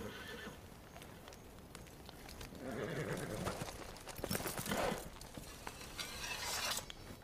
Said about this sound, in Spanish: Miran a los caballos atados mientras se mueven.